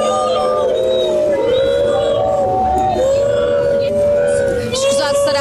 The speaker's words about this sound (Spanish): que ouvem-se bastantes gritos contra JJ e também a Pedro Proença. Estávamos nesta expectativa de perceber qual é que seria a reação dos adeptos que acabaram por assobiar.